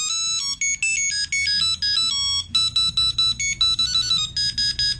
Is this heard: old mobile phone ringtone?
yes